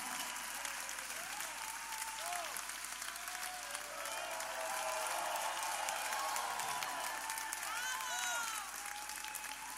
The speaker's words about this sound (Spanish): Muchas gracias, el aplauso.